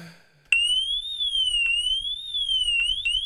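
A loud electronic alarm starts abruptly and wails steadily, its pitch sweeping up and down in a repeating siren-like pattern, used as a comedic 'irony alarm' sound effect with a faint low rumble beneath.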